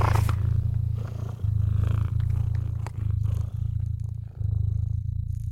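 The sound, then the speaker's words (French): A cat purrs steadily, a low rumbling drone that pulses in long breaths with brief dips between them, with no other sounds around it. “Vous ronronnez à présent, doucement, amplement.”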